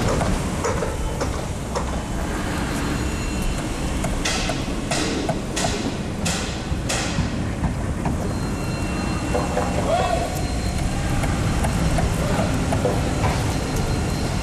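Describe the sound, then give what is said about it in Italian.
Heavy machinery rumbles steadily throughout, with a run of sharp, rapid jackhammer bursts cutting in midway, set against the low grinding drone of excavators and a bulldozer. “Sentite come il martello pneumatico si accorda con le scavatrici, mentre la ruspa fa da sottofondo.”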